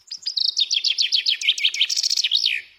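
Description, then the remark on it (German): A common chaffinch, a forest-dwelling bird, sings a brisk descending trill of rapid notes that ends in a short flourish, clear, with no voices or other sounds around it. “Der Buchfink, ebenfalls ein Waldbewohner, hat vor allem in den tieferen Lagen abgenommen.”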